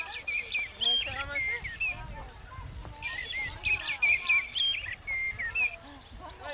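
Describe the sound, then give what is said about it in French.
A common blackbird with a yellow beak sings a run of mellow, fluting phrases, clear, with brief pauses between bursts and a faint low rumble underneath. “C'est un merle noir.”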